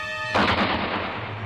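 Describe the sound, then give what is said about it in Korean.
A single loud gunshot cracks suddenly after a brief steady humming tone, as a squad member shoots down a guard with one shot, followed by a lingering hiss and low rumble that slowly fades. No one speaks. “밖에 남은 대원이 단방에 포초놈을 쏘아눕히고 대문을 열었다.”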